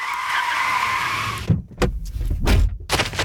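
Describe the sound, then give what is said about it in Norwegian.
Tires screech in a sustained, high-pitched skid for about a second and a half, then give way to bursts of engine roar and further short squeals as vehicles race by in an intense car chase with police. “Jackson stikker derfor av og løper vekk fra bilen midt I et lyskryss, og en intens biljakt følger”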